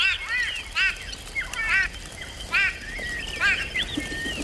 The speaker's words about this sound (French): Surpris, tous les oiseaux de la mare s'envolent. Écoute, tu entends le vol des oiseaux ?